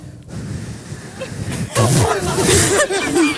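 Someone tries to whistle but produces only a breathy, airy hiss, faint at first and then louder and fuller for the second half, with some murmured vocal sounds mixed in.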